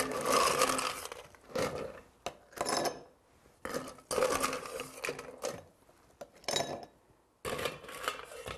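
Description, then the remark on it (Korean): Ice cubes clatter into a prepared glass in several bursts of rattling and clinking, with brief bright rings between pauses, fairly loud and with no talking, as a black tea ade drink is being made. “준비된 잔. 얼음 똑같이 넣으셔야죠.”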